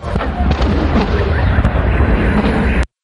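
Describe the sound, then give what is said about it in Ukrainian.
Several sharp explosions crack through a dense, continuous roaring rumble, loud, with scattered bangs and crackles before the sound cuts off abruptly, as an oil terminal in St Petersburg, Russia, is hit in a strike by Ukrainian military forces. “Поки в Петербурзі все вибухало”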